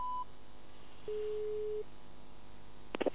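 Electronic telephone tones after a call ends because one party hung up: a brief high beep, then a single steady mid-pitched tone lasting under a second, followed by a quick cluster of three short clicks, with no voices.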